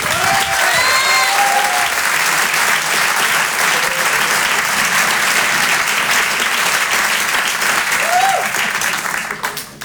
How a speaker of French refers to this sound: On va accueillir maintenant une comédienne qui commence à avoir un très beau parcours derrière elle. Je vous demande de l'applaudir elle aussi très fort. Voici Élodie Poux.